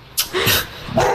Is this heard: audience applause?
no